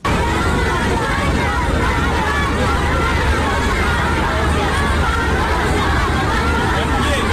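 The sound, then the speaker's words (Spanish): Hundreds of schoolchildren representing China's youth cheer and shout continuously, jumping and waving US and Chinese flags to honor Presidents Trump and Xi in China: a dense, loud wall of young voices blending into a steady roar that fills the whole stretch without pause. “Filas de cientos de niños estudiantes de colegio que representan la juventud de China, quienes brincando y ondeando banderas de Estados Unidos y China rindieron honores a ambos líderes.”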